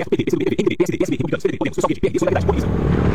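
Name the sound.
motorcycle passing by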